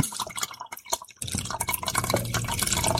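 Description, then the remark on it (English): A ginger pineapple drink is poured into a container with a steady splashing, gurgling stream, briefly breaking off with a few drips before pouring resumes, fairly loud, with no talking. “Pour the rest of it in there.”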